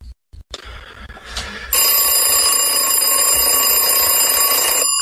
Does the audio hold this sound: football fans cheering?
no